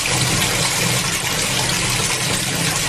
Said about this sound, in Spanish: Aquí hay otro barril de agua. ¿Alcanza para terminar el lavado? Pon un poco en la olla sobre la cocina. Cuando se caliente, voy a empezar a lavar los pañales.